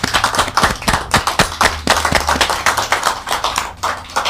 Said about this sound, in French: En attendant, on applaudit très fort.